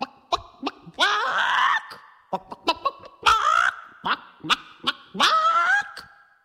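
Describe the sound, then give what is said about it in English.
A voice imitates a chicken: a run of short, sharp clucks broken up by three drawn-out, rising squawks, fairly loud, with no ordinary talking. “Let's hear you do your best chicken sound. I'm going to do mine.”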